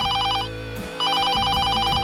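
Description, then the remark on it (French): A telephone rings in two bursts of rapid trilling bell tones, separated by a brief pause, over a low steady background hum with no one speaking. It is Camilla's phone ringing around 5 a.m. while she rests in the countryside on 31 August 1997. “Le 31 août 1997, Camilla se repose à la campagne quand son téléphone sonne vers 5h du matin.”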